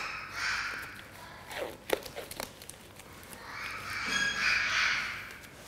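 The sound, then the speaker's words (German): A parakeet being treated at a veterinary clinic for a foot injury caused by its leg ring slipping up gives two harsh, raspy screeching calls, one short and one longer, with a few sharp clicks and rustling in the pause between them. No one speaks. “Dieser Gustavsittich ist hier bei uns in der Klinik, weil dieser Vogel ein Problem mit seinem Ring hatte.”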